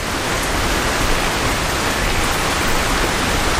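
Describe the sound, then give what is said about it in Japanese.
A steady, dense rush of flowing river water by a riverside, constant and fairly loud with no breaks or voices. “川沿いに来て少し落ち着きたくて。”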